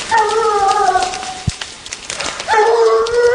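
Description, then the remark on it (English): Hunting dogs on a mountainside during an afternoon deer hunt give two long, drawn-out baying cries separated by a short pause, over a steady outdoor hiss. “we suddenly hear the sound of hunting dogs on the mountain.”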